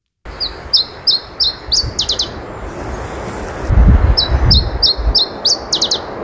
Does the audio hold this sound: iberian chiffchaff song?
yes